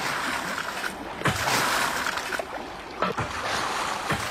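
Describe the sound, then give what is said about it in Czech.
Kerosene pours and splashes steadily onto a ship's deck, a continuous rushing wash with heavier surges every second or so, and no voices. “To by mě nenapadlo, že někdy budu vylévat petrolej na vlastní loď.”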